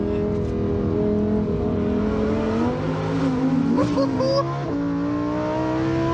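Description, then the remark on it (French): A loud car engine revs hard and continuously, its pitch climbing and shifting through gear changes as the car, on cold tyres, drives very fast along a road that is normally open to traffic. “Oh là là, et ce moteur.”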